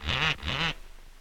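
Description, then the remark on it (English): A parrot gives two loud, harsh squawks in quick succession, each a short rasping burst, followed by quiet. “Who taught that parrot to do that?”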